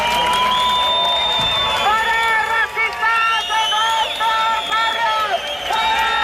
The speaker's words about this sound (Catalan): Una hora més tard han arribat els membres del grup supremacista, que han estat escridassats pels antifeixistes, amb crits de «no passaran» o «fora feixistes als nostres barris».